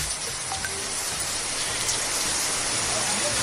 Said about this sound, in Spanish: Oye, muy fuerte la lluvia, ¿eh? Esto es en Inca de Oro.